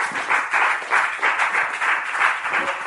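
Sustained audience applause in memory of Marco Pannella, founder of Radio Radicale, a dense wash of many hands clapping at steady volume with a slightly pulsing rhythm, carrying on without any voices over it.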